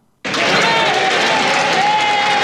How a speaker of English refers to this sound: A standing ovation for outgoing British Prime Minister Keir Starmer in Parliament on Wednesday.